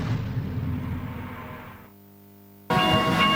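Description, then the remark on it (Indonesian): A loud train rumbles past at a railway level crossing, its roar fading into a steady droning hum before a sudden, harsh burst of noise with blaring, horn-like tones cuts back in. “Wah, mogok, ada kereta lewat.”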